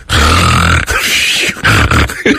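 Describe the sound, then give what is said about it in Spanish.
A man imitates snoring with his voice: a few loud, raspy, rattling snorts with a low buzzing growl, the first drawn out, then shorter bursts separated by brief pauses. “No es que yo ronca y nomás quiero hacer el ruido como que yo ronco.”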